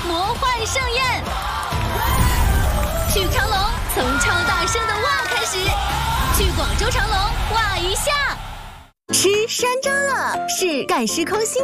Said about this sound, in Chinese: 哇！解锁惊喜水上狂欢，体验超乎想象的刺激尖叫，享受震撼的魔幻盛宴。